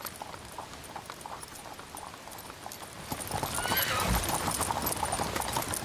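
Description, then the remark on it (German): Steady clip-clop of horse hooves as a trek of horse-drawn carriages sets off across a wide, sandy mudflat ridge near the Elbe estuary at ebbing tide, crossing the Wadden Sea toward Neuwerk island, with a horse whinnying; the hoofbeats grow louder partway through, with no one speaking. “Auf dem breiten, sandigen Wattrücken nahe der Elbmündung setzt sich bei ablaufendem Wasser ein Treck mit Pferdekutschen in Bewegung.”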